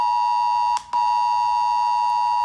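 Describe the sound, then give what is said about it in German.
A shrill mobile phone emergency alert tone, as used in Germany's nationwide warning day test of disaster alarm systems, blares loudly and steadily, a harsh buzzing pitch broken by one brief stutter before resuming, with no voices. “Schrillende Handys und heulende Sirenen.”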